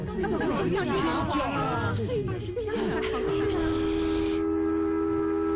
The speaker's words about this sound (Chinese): 你们听，小火车又鸣笛啦。